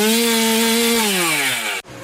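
A chainsaw screams at high revs, its pitch gradually sagging as the chain bogs down cutting into wood, then breaks off abruptly near the end.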